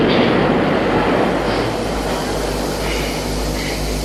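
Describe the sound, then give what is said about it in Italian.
An underground train rushing past in a loud, steady roar, with a deep rumbling hum underneath and a broad hiss of air throughout, no voices. “Oh, senti il vento della sotterranea!”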